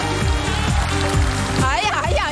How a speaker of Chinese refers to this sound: 最热情的掌声，有呐喊声吗？